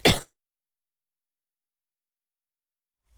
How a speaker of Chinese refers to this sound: 抱歉，有点咳嗽哈。